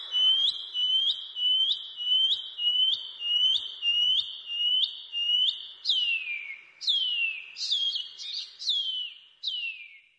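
A shining cuckoo (pipi wharaurua) calls alone, repeating about a dozen high, rising whistled notes in a steady rhythm, then switching to several louder, downward-slurred whistles near the end.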